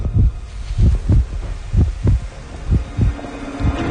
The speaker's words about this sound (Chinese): 此时能够听到的只是韩光自己的心跳声。